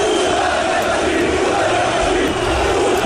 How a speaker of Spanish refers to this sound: Porque todo esto que están escuchando es el momento del recibimiento al autobús del Barça. Ah, pero si dicen puta Madrid, pero, ¿no? Porque entre que hay humo y la gente estaba cantando en contra del Real Madrid, sí.